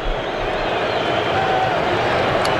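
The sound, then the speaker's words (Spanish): A dense, steady roar from a large stadium crowd at a football match between Morocco and Scotland, with booing and thin whistles aimed at a player as he takes a corner, rising above the noise. It stays loud and unbroken throughout, with no clear speech. “abucheos otra vez y pitos para Arraf Hakimi”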